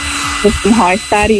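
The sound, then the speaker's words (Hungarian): A hair dryer blows steadily with a constant whooshing roar and a faint motor hum, while brief bursts of someone's voice come over the top of it. “Hajszárító. Azaz, hajszárító.”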